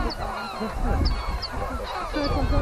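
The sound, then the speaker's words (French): A dense chorus of herring and lesser black-backed gulls, many overlapping squawks and harsh cries layered together, with a few sharp high yelps cutting through, steady and fairly loud throughout. “Les goélands bruns et argentés, globalement, attaquent plutôt, entre guillemets, à coups de fiente.”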